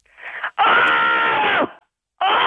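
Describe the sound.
A person lets out loud, roaring screams: a short burst, then a long sustained raw yell, and another starting right after, with no talking.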